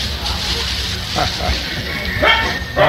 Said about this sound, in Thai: เฮ้ยหันหน้าไปตรงไหนเห่าเรื่องนะเขาเห่าด้วยความรื่นเริงนะหันหน้าไปตรงไหนเห่าเดินไปเฉยก็เห่าไป